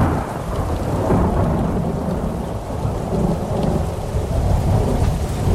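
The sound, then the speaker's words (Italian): A steady, heavy downpour with lightning, from the opening of a film about Martin Luther as the young Luther stumbles in the mud, fills the scene with dense hiss while deep rumbling thunder rolls continuously underneath, loud and unbroken for several seconds with no voices. “Il film inizia quando, fra lampi e fulmini, il giovane Martin Lutero inciampa nel fango”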